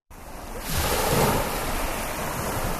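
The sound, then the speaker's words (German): Steady surf rolling onto a beach in Italy lined with five rows of umbrellas and deckchairs by a deep-blue sea, a broad hissing wash of waves that swells after a moment and holds, with a touch of wind noise and no voices. “Tiefblaues Meer und dann 5 Reihen mit Schirmen und Liegestühlen in Reih und Glied, fein säuberlich ausgerichtet.”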